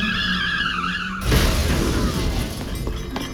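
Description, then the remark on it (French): A car skids after its pedal is pressed, with a loud, high tire squeal for about a second, then a sudden crash of impact and breaking debris that rumbles and fades out. “J'ai cru que Lionel me parlait de la pédale de la voiture, alors j'ai voulu essayer.”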